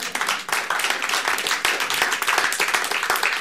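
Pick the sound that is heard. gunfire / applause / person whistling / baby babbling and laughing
applause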